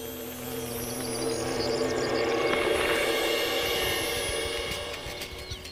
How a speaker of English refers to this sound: An old wooden fence has not gone unnoticed. A wall carder bee has moved in.